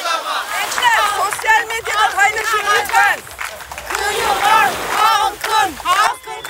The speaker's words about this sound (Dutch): De demonstranten lopen hier dus nu rond met borden in hun handen en roepen dus de hele tijd. De zee is van ons, de stranden zijn van ons. Wanneer? Voor altijd, roepen ze.